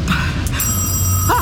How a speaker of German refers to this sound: das Telefon. Wie kann es denn klingeln, wenn wir gar keinen Strom haben? Heb ab.